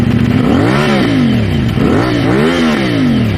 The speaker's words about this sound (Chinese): 2026年6月24日晚上10点多，北京市公安局顺义分局交通管理支队杨振中队在辖区内发现了一辆改装的摩托车。当民警拧下油门的时候，轰鸣声震得整条街都嗡嗡作响。